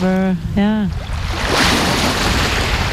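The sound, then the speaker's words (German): Two short, deep horn blasts from an approaching excursion boat on the fjord at Trondheim sound in quick succession, followed by a steady wash of waves and wind along the beach as the sun comes out. “wir sind jetzt am Strand, riechen das Salz und sehen ein Schiff kommen.”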